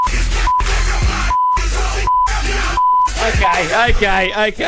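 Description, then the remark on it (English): Short, steady electronic Morse code beeps sound several times at irregular intervals in a clean radio version of a song. They cut through loud music with vocals, which keeps dropping out to brief silence in between. “I think it's art because it's Morse code, and if you translate that into Morse code, it spells out ….”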